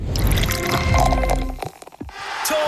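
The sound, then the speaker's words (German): During a drink break, a drink is poured steadily into a glass for a second and a half, fairly loud, followed by a few faint drips and a short final splash. No one speaks. “Oh, Trinkpause? Ja. Gib's mir den Espresso oben links.”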